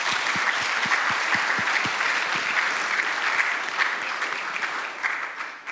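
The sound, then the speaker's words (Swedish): Steady audience applause as three people come forward, a dense wash of many hands clapping at a constant loud level for several seconds, easing slightly toward the end. No voices stand out. “Vi kan ge dem en applåd medan de kommer fram.”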